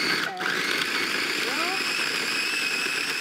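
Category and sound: household object, blender mixing frozen dessert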